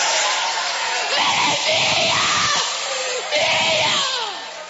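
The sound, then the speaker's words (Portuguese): A large church audience shouts "queima" together in loud, overlapping bursts, many voices rising and falling in a sustained roar that swells twice over a few seconds. “Pode gritar queima, igreja!”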